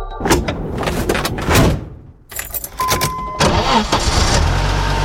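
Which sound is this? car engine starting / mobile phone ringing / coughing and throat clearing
car engine starting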